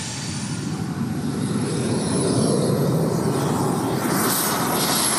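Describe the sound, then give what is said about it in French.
A Le Mans racing car's engine roars under hard acceleration toward 200 km/h, a loud, steady, dense rumble with rushing noise and a thin high whine that climbs slightly over a few seconds. No one speaks. “On va charger un peu plus. Accélère. Oh, la poussée.”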